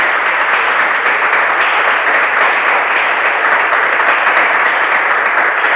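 Sustained audience applause opening the first regional barista competition of Bolívar, a dense, steady wash of many hands clapping at an even loudness for several seconds, with no voices standing out.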